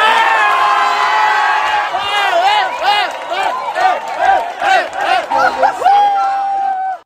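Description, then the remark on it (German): A large crowd in Palma de Mallorca, Spain, erupts in loud, sustained cheering and whooping just after midnight, after the final whistle of Spain's 1:0 World Cup final win over Argentina, with rising and falling shouts from many voices, ending in a prolonged high-pitched whistle or horn. “Nach dem Abpfiff kannte der Jubel in Spanien keine Grenzen mehr.”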